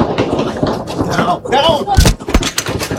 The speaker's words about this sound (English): She was in the middle of taping for social media when the sounds of gunshots rang out.